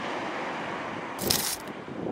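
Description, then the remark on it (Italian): A steady wash of sea surf hisses throughout, swelling into a brighter, louder rush of breaking water midway before settling back to the constant roar. The sea waves are heard at the start of a song remix. No voices or music are heard. “Vediamo, o meglio sentiamo, se si sente il mare.”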